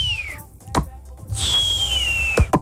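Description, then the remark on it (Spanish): A whistling firework (chiflador) screams: a high, slowly falling whistle, then a second longer one, punctuated by sharp cracks and pops. It is fairly loud over a low rumble. “Este, y en diciembre tocas una vez, si quieres cohetes. Chifladores, palomas. Sí, cañones. Le tienes que hacer así.”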